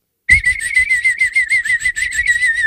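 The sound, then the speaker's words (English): A warbling, bird-like whistle played by blowing straight across a turkey baster held to the lower lip, holding one steady high pitch with a rapid fluttering tremolo. It starts abruptly, stays fairly loud, and sounds alone with no talking. “Let's see if I can play a bird sound for you.”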